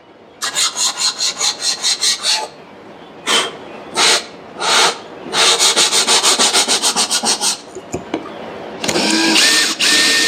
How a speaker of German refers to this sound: Hier fangen wir jetzt an, mit der Stichsäge die Rundungen von der Verkleidung auszuschneiden. Das ist natürlich wichtig, weil mit der Kreissäge kriegst du nur gerade Strecken hin. Ist aber ein kleiner Krampf, bin ich ehrlich.